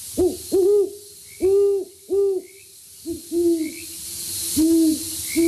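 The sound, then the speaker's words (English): A great horned owl hoots in a deep, rhythmic series of soft, low hoots, some doubled, repeating steadily against a quiet outdoor background with faint higher bird calls. “Avoiding toxic rodenticides helps make sure that great horned owls and other raptors stay safe while they're hard at work.”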